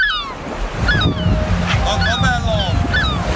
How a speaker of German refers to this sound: wir nehmen euch jetzt mal mit an den Strand. Ja, so ein richtiger Familientag am Meer.